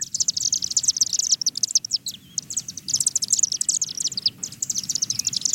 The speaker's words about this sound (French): On va écouter le son du martinet ramoneur. Peut-être qu'il y a des gens qui vont dire « j'ai déjà entendu ça chez moi ».